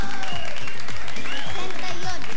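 A crowd applauds with steady, dense clapping over a thumping rhythmic backing track with a melody, lasting a couple of seconds.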